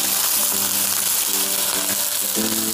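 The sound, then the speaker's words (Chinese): Hot water pours into a wok of yellow catfish fried golden on both sides, setting off a loud, steady sizzle and hiss, with faint tonal gurgles rising through the roar. No one speaks. “现在这个黄骨鱼已经煎到两面金黄，我现在要往锅里加入热水。”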